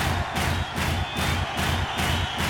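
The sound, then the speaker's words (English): A group stamps their right feet on the ground in unison on command, loud heavy thuds repeating steadily about twice a second, with no one talking. “Stamp your right foot on the ground.”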